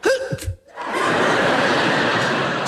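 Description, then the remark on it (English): A voice imitates a sneeze: a short rising, breathy 'ah-ah' build-up, a brief pause, then a loud, sustained hissing blast of breath that lasts about two seconds. “It's like folks who sneeze.”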